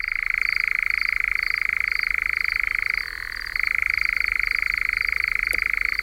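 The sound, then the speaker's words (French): A European nightjar churrs in one long, unbroken mechanical trill, a rapid dry rattle that briefly drops in pitch and softens midway before resuming at full strength. “Et il y a une page consacrée à l'engoulevent d'Europe.”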